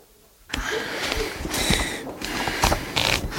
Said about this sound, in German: Doch als er die Seiten durch seine Finger blättern ließ, machte sich auf seinem Gesicht eine herbe Enttäuschung breit.